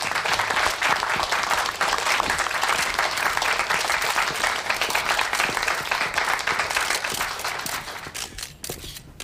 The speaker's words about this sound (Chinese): 各位媒体朋友大家好，欢迎大家来到龙斗士新闻发布会的现场。那么接下来让我们以最热烈的掌声有请挑战者